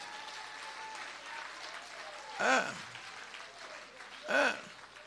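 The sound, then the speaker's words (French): An audience at an evening church service applauds for the preacher in a steady, dense patter throughout, with two brief voiced shouts or cheers rising above the clapping about two seconds apart. “Ben bon Dieu, un gros applaudissement pour moi, ce soir.”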